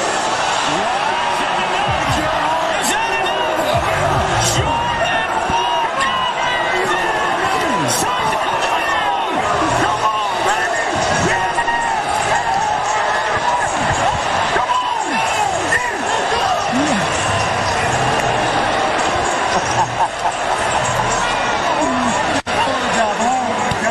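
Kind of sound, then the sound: crowd, stadium crowd booing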